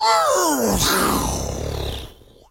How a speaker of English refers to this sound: It was a fighter jet went over Menards in the city where I went on Clybourne.